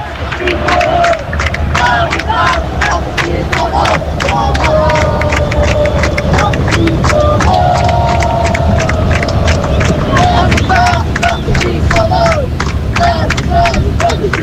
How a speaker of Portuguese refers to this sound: Só pra vocês sentirem um pouquinho da torcida aqui direto do Maracanã.